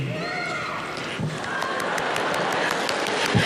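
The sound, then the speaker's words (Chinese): An audience applauds and cheers for actor Yu Shi at a steady, loud level, dense clapping filling the sound with scattered whoops and shouts rising over it for a few seconds. “观众的声音都响了。”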